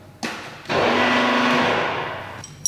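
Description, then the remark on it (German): An electric winch motor on a mobile slaughterhouse trailer whirs steadily as the winch is lowered, starting softly, then jumping to a loud, even mechanical drone for nearly two seconds before cutting off, followed by a brief clank. “Die werden dann hier mit dieser Winde, die wird dann runtergelassen.”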